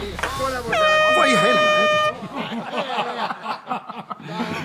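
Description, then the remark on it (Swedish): A loud, sustained air horn blast sounds for over a second, then cuts off as people start talking, with some chuckling mixed into the voices. “Tut ut, vänner.”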